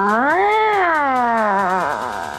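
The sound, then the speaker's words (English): A person imitates a dissatisfied cat meow: one long, whiny, drawn-out cry that rises, sags and trails off in a grumbling wobble, loud with no other sounds. “Okay, then we have the dissatisfied meow.”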